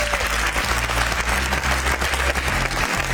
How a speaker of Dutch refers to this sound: Mensen in het tourcafé, mag ik nu alvast een heel groot applaus. Want dit zorgt eigenlijk dat je extra moed moet hebben als je gewoon hier midden in het publiek komt zitten.